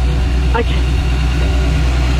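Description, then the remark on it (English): An old fuel bowser runs with a steady, loud mechanical drone, a continuous low motor hum that holds level throughout without pausing, and a brief higher chirp rises over it near the start. “It does that to you, the old Bowser. Gets things going.”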